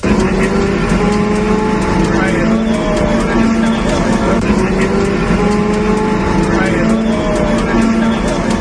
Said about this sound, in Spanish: Este es el sonido del interior del autobús que traslada a los 59 efectivos de la UME a la zona cero de la tragedia.